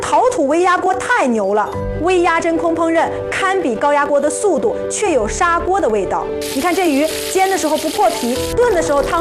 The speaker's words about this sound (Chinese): 你看这鱼煎的时候不破皮，炖的时候汤汁完全锁在肉里，鲜嫩得很。而且这锅是高岭陶土做的，用着放心，耐磨耐刮。